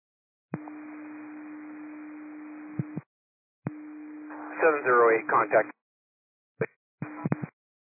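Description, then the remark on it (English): Cascade radio dispatch cancellation tones: a steady, low radio tone hums under static for a few seconds, cuts off, then returns before a burst of garbled radio talk, followed by short clipped transmission bursts. “I received digest and cancellation tones that may not have dropped for you yet.”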